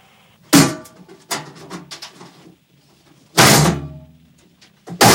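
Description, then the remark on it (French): Someone rattles and tugs at a locked cage door that won't open, with two loud thuds and a burst of clattering handle noise in between, without any talking. “Je vais essayer d'ouvrir la porte.”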